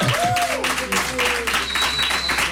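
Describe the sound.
A burst of applause welcoming a guest fills the whole moment, dense and steady, with a few high whistle-like tones and faint voices mixed into the clapping.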